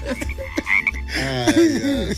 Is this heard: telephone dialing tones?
no